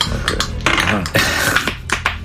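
A busy, irregular clatter of horse hooves in a battle on a muddy field near a small village in Somnari, sharp knocks tumbling over one another at a fairly loud, steady level, with a low rumble and some tonal murmur underneath.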